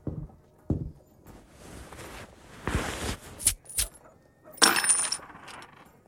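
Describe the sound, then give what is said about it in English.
Several gold coins clink and rattle as they are dropped onto a counter at an inn, with bright metallic chimes and scattered clacks, fairly loud against quiet surroundings. “Gold coins in gear. Fine currency for a peck of travelers.”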